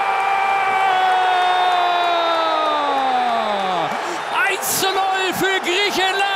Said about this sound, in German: Wir hören dazu jetzt Stimmen von Fußballfans, von Bundestrainer Jürgen Klopp und natürlich hören wir auch den Torjubel für Griechenland. Dann gibt es die Möglichkeit aus der zweiten Reihe. Schuss, Tor!